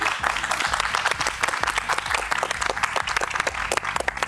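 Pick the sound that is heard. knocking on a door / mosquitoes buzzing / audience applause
audience applause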